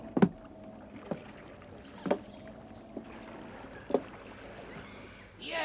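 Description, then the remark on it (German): Men clamber into rowboats on the water to go ashore on an island, their movements making hollow wooden knocks and thumps about once a second, over a soft watery background with no talking. “Die Männer kletterten in die Boote.”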